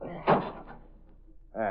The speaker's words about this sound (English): Here, hand me that andiron from the fireplace. Yes, sir. Here. Now, out in the hall. This way. We'll start by smashing the lock on this door.